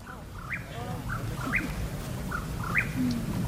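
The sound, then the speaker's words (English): A Mexican whippoorwill repeats its short, rolling whistled call in a steady rhythm at dusk in the San Bernardino National Forest, several phrases in a row, over a low outdoor background hum. “The teens are on the hunt for the Mexican whippoorwill. It's an elusive bird that comes out at dusk and dawn.”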